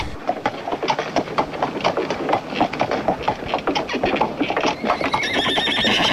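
A horse, ridden by a rider, whinnies loudly while hooves clip-clop in a steady, quick rhythm, with a rising rattling rumble like a moving train or cart building toward the end.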